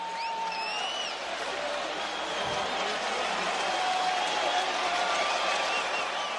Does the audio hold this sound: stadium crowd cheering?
yes